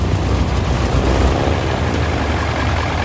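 A loud, heavy engine roar fills the whole stretch, a dense, rumbling drone with little change, easing only slightly toward the end as the engines shut down. No voices are heard.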